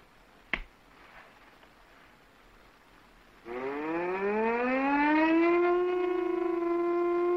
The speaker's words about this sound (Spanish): ¿Qué ocurre? Un ataque aéreo.